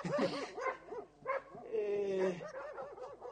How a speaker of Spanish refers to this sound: Señorita, ¿por qué ladran vuestros perros? ¿Hay osos en la ciudad?